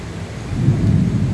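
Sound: thunder rumbling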